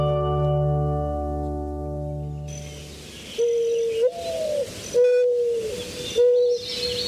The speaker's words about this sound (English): The gentle mourning dove is unique for more than its lovely song. Both male and female doves produce a substance in their crops that provides a fat-rich protein for offspring.